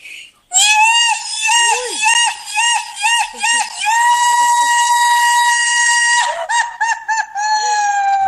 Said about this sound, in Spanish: Bueno, ahí le mando un zapucay. Al día del zapucay.